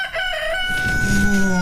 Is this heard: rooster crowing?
yes